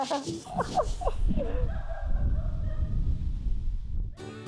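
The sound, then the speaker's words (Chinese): A two-month-old East German shepherd puppy named Aimi, TV host Hua Shao's new dog, lets out a quick run of high, squeaky yelps and whimpers, then falls quiet under a low, rumbling background noise before a brief burst of another sound at the end. “2025年8月，华少迎来了新伙伴，2个月大的东德牧羊犬艾米。”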